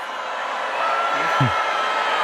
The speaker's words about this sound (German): Ja, und dann wurde er kräftig ausgebuht. Tja, passiert auch nicht so häufig.